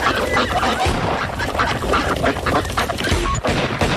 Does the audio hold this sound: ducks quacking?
yes